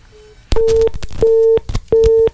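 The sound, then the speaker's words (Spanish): A telephone busy signal on a radio station's call-in line, where the phones seem to be blocked: three evenly spaced, steady tone bursts with short silences between, loud on the line, with faint clicks at each burst and no talking. “Estamos escuchando aquí que están bloqueados los teléfonos, pero ¿por qué?”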